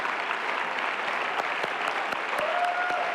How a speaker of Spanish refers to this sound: Ahí está, ese aplauso merecido. Son muchos años, mucha pasión, mucha entrega.